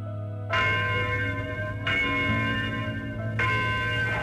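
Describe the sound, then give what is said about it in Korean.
A large bell tolls three times at a slow, steady pace, each deep, ringing strike blooming into a long shimmering hum that carries into the next stroke, with no voices; the bell of freedom ringing across Korea on 15 August 1945, the day of liberation from Japanese imperial rule. “한기 4278년 8월 15일 일본 제국주의 압박과 서름에서 해방되던 날 자유의 종소리는 삼천리 방방곡곡에 울렸으며”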